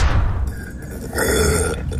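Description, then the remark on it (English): A low, rough burp-like rumble from the throat, fairly loud, swelling into a second gurgling burst after a brief dip, with no talking. “I've always had the inability to burp, and it's caused a lot of issues.”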